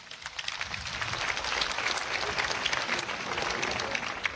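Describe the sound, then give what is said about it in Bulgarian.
Sustained audience applause at the Detski Pirin Folk festival in Sandanski, Bulgaria, 2026, for the chair of the festival jury about to announce the winner; a dense steady wash of many hands clapping at an even, fairly loud level with no voices standing out. “Аплодисменти за професор”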